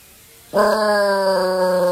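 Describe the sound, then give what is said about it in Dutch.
A dog named Smokey howls along with an outdoor air-raid siren being tested on the first Monday of the month, a loud, steady, rich wailing tone that starts abruptly after a brief quiet moment and holds unbroken to the end. “als dan op de eerste maandag van de maand het alarm werd getest... Hè, het buitenalarm, het luchtalarm... dan ging Smokey ook wel af.”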